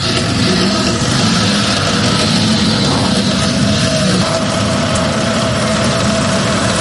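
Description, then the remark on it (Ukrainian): The engine of a Volya-E, a Ukrainian unmanned ground robotic vehicle built for logistics and evacuation and adapted by sappers of a remote mining unit, runs steadily at idle, a loud, continuous low rumble with a droning hum and vibration that holds even throughout, with no talking. “«Воля-Є» – український наземний роботизований комплекс. Цей НРК створили для логістики та евакуації, але сапери вже адаптували його під власні бойові потреби.”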